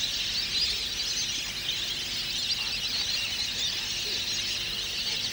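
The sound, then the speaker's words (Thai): A dense, unbroken chorus of many waterfowl of various species calling at once on a small, quiet pond at Kasetsart University's Kamphaeng Saen campus, Thailand, a steady high squealing din from a large flock, with no voices. “บึงน้ำเล็กๆที่สงบเงียบภายในมหาวิทยาลัยเกษตรศาสตร์วิทยาเขตกำแพงแสนแห่งนี้จึงเต็มไปด้วยนกเป็ดน้ำนานาชนิด”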